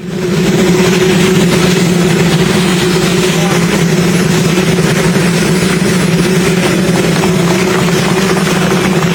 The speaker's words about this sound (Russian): Если что, люди не аплодируют сейчас работающему вертолету, и мы должны были слышать голос Дональда Трампа, ведь да, правильно? Все верно, там была целая речь президента США, но ее заглушал двигатель стоящего рядом президентского вертолета.